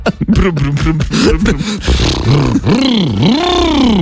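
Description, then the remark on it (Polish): A voice imitates a car engine, starting with a low sputtering rumble and then swooping up and down in pitch like revving, loud and continuous for several seconds. “Znaczy teraz, jeżeli chce jeździć dalej, no to następnym razem będziesz musiał po prostu udawać samochód.”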